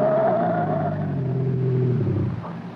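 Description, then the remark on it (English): A car engine roars loudly and steadily as the driver floors the gas pedal all the way on a road, its deep throaty drone straining under heavy throttle for a few seconds before easing off slightly at the end. “I slammed the gas down all the way.”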